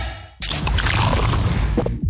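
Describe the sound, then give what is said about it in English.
A new 500 ml Castle Light beer can cracks open with a sudden sharp hiss, followed by a steady, loud fizzing pour that runs for under two seconds before stopping. “This is the sound of the new 500 ml Castle Light can, turning life light side up.”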